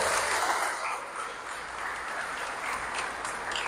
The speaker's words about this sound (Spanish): ¡Eso! ¡Fuerte! ¡De Las Varas! ¡Aplauso!